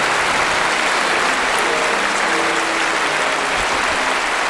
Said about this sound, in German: Herzlichen Dank, meine Damen und Herren. Herzlichen Dank für den wunderschönen Applaus.